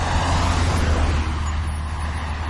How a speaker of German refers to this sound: LKWs und Autos, die einem den Hintern küssen, weil sie so dicht an einem vorbeifahren. Warum? Weil es keinen Fahrradweg gibt. Das ist die Realität auf der L37.